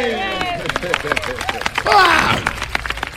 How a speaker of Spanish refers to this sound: ¡Wow! ¡Aplausos para los sobrevivientes!